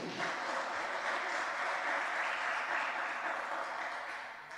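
An audience at a sermon applauds steadily, a dense wash of many hands clapping at once that holds for several seconds before easing off slightly at the end, with no voices rising above it.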